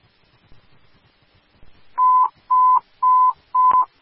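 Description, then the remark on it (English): A steady electronic timer alert tone beeps repeatedly on a Fairfax fire dispatch radio, about five loud, evenly spaced pulses at a single pitch, following a quiet stretch of faint radio background noise. “Timer.”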